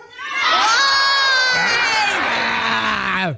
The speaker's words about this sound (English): You know, if you're going to ask the crowd to join you in a screech, you need to tell them what it's going to be.